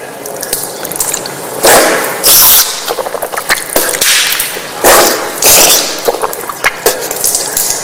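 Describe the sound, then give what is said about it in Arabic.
Water runs steadily from a slightly opened tap, broken by sharp splashing bursts and sputtering puffs as water is taken in the right hand into the mouth and nose and blown out into the left hand, rinsing mouth and nose during ritual washing, repeating several times with no talking. “تمضمضت يعني الماء لما أخذته بيدي شيء دخل إلى الفم وشيء دخل إلى الأنف، ثم نثرت بيدي اليسرى.”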